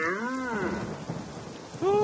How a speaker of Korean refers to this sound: 이런, 비가 제법 많이 쏟아지네.